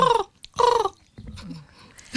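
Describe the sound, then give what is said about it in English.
A person imitates the call of a bird heard in their garden in the morning, with two loud, harsh, descending 'ah' calls in quick succession, followed by softer murmuring vocal sounds and a brief breathy burst at the end. “I love hearing people mimic birds.”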